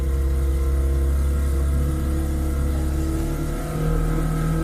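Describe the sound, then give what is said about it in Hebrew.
A motor engine runs steadily and loudly throughout, a deep continuous rumble with a strong low hum and layered tones, like a boat motor idling, played as a sound effect for a short boat trip, with no voices. “שמת לי רעש של צירת מנוע.”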